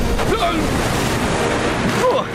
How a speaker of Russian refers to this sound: Осторожно! Эти волны больше, чем гигантская тыква во время сбора урожая.